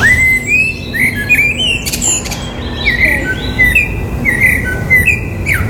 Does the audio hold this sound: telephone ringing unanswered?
no